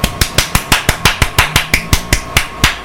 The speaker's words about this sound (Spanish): Y no estoy echando tortillas, estoy aplaudiendo a esos vecinos que le suben el volumen.